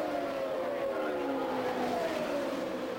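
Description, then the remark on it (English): Indy race cars, car 12 leading car number 9, roar past at the Indianapolis Motor Speedway with a steady, droning engine whine that slides downward in pitch as they go by, a continuous loud rush lasting the whole stretch with no talking. “Car 12 leading car number 9 at the Indianapolis Motor Speedway.”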